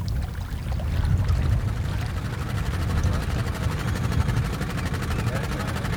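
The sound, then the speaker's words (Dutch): A steady, low mechanical hum of large grabbing cranes at work in a polder, making a large gap in the dike so Staatsbosbeheer can return the land to nature, with a continuous engine-like drone and a faint, rapid ticking pulse running evenly throughout. “Het gezoem van de grote grijpers, de kranen die op de achtergrond aan het werk zijn.”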